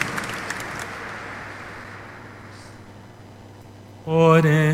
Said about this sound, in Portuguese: Vamos dar uma salva de palmas, agradecendo a generosidade do nosso povo, a caridade, o bem que fazemos.